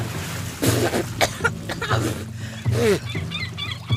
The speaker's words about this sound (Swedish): Plötsligt är jag i havet. Plötsligt är det vatten överallt. I ögonen, i öronen, i näsan, i munnen. Jag hostar och frustar.